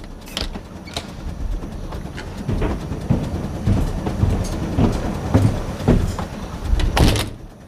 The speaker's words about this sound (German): Oh, der Zug stoppt. Endlich sind wir da.